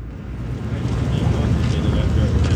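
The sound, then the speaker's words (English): A boat's engine churns with a deep, steady rumble as it passes on the Chicago River beneath the Michigan Avenue Bridge in Chicago, swelling slightly louder, with wind buffeting and a busy outdoor wash around it. “There's some ducks floating under there, and a boat just went by. And here's another one coming.”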